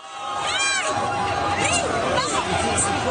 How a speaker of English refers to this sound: That's cheering from a crowd of several hundred Spaniards very early this morning.